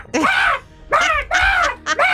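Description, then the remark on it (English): A person imitates a seagull with three loud, harsh screeching cries, each rising then falling, followed by a shorter fourth squawk, with brief pauses between. “But then you get seagulls that are like...”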